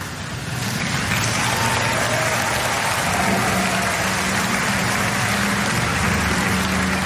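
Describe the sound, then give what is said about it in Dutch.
A crowd applauds steadily as a woman and a dancer drive away together in a car after a dance on a dance floor, a dense wash of clapping that swells in within the first second and holds at an even, loud level, with a low rumble beneath it. “Ze rijden samen onder applaus weg.”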